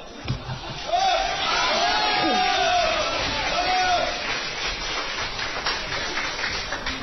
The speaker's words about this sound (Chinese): 感谢大家的掌声鼓励， 谢谢您， 谢谢您，太热情了